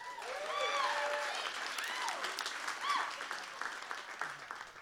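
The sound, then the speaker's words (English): Steady audience applause at a venue in Nashville, Tennessee, in 2018: a dense patter of many hands clapping, with a few high whoops and cheers rising over it before it gradually thins. “Let's get a round of applause for her.”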